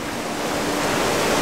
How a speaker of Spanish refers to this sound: En los valles montañosos que rodean su hogar de agua dulce, una fuerte lluvia no ha parado desde hace días. Hay cada vez más agua fluyendo por ahí.